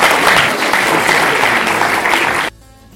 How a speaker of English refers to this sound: Let's clap for the panelists, please.